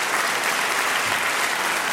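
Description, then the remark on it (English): Steady, dense applause from a studio audience, many hands clapping at once in a continuous even wash of sound, fairly loud, with no voices standing out. “But please, feel free, don't let me stop you giving me the clap.”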